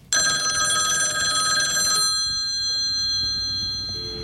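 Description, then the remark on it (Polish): A telephone bell rings loudly and continuously for about two seconds, a bright metallic trill with steady ringing tones, then cuts off, leaving a faint lingering tone and quiet room noise. “Halo, nie mogę rozmawiać. Dziś jest dzień bez telefonu.”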